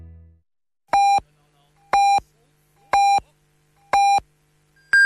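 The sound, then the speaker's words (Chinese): Four evenly spaced electronic beeps about a second apart, each at the same pitch, then a fifth beep at a noticeably higher pitch. Clear and loud, a radio time signal marking 22:00 Beijing time on Jiangsu Story Radio (FM 104.9, AM 1206). “北京时间22点整。”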